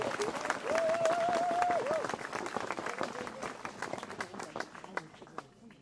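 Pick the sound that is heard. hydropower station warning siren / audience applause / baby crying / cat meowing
audience applause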